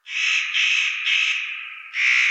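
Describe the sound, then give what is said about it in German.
A spotted nutcracker gives a harsh, crow-like rasping call, four loud grating notes in quick succession, the last after a brief pause, with no other sounds. “Seine Stimme ist, wie bei den Hähern ja im ersten Anblick, auch eher so krähenmäßig zur Brutzeit. Kann man sowas hier hören?”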